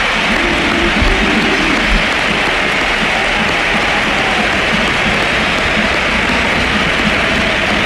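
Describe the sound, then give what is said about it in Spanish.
A large stadium crowd at the Sánchez Pizjuán stadium stands to give footballer Luka Modric a sustained ovation, thousands of hands clapping into a dense, steady roar that stays loud and unbroken from start to finish. “Claro, nos ponemos de pie y dejamos que suene el Sánchez Pizjuán.”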